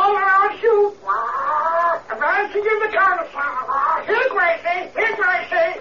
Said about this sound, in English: It's a parrot, Skip.